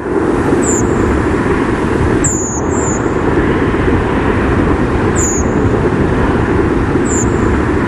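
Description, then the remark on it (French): Five thin, high, drawn-out contact calls from several redwings, recorded at 21:24 at night, spaced irregularly with two in quick succession, sound faintly above a loud, steady low rumble like traffic noise. “Alors cette fois-ci, c'est une grive Movis enregistrée à 21h24.”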